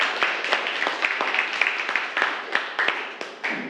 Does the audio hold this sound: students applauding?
yes